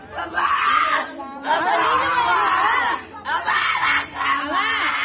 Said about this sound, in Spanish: Le embarró medio litro de salsa de chile de árbol en la cara. Los gritos del jovencito de 15 años de edad se escuchaban en todo el barrio y alrededores.